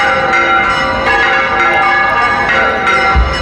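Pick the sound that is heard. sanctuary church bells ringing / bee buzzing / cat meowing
sanctuary church bells ringing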